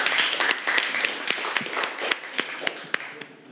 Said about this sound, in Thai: ขอเสียงปรบมือให้ผลงานชิ้นที่2ครับ